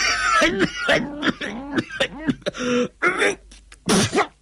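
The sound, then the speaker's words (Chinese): A man's voice coughs and hacks in a string of about eight harsh, throaty bursts with gasping breaths in between, fairly loud, apparently performed as an imitation of an old man coughing before spitting out a mouthful of bloody phlegm. “咳嗽了一阵，老人吐出一口痰来。”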